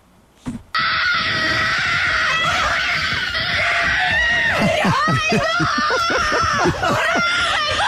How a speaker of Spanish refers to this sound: Salta, grita, llora, se abraza con la empleada de la casa.